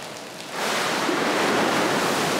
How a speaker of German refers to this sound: Über 4000 Liter Neckarwasser stürzen herab und spülen die Ablagerungen in die Ablaufrinne.